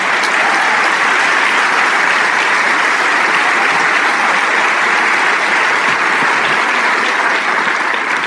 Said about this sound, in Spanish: Sí, ese aplauso es para el Rey de Reyes.